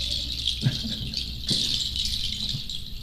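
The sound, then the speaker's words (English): A mechanical device in an exhibition at the Royal Castle imitates birdsong with a steady, raspy, high-pitched chirring rattle, broken by a few sharp clicks at irregular moments. No one speaks. “The voice of birds.”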